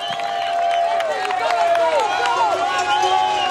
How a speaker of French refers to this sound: Le bain de foule, les applaudissements pour Tadej Pogacar qui arrive au sommet du col d'Orlino.